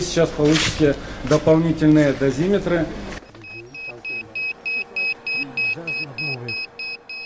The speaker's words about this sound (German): Als wir näher an den zerstörten Reaktor kommen, schlagen die Dosimeter Alarm. Der Strahlenwert mehr als 700 Mal höher als der Durchschnittswert in Deutschland.